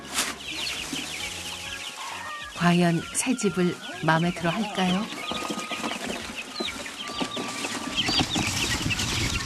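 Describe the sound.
Many chicks peep continuously in high, overlapping chirps after being moved into a new, spacious coop in Geumsan. A voice speaks over them for a few seconds partway through.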